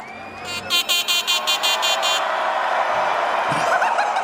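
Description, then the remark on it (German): A new horn honks in a quick rhythmic series of about eight short, loud blasts, followed by a steady wash of background noise with a brief thump near the end. “Ja, das ist jetzt meine neue Hupe.”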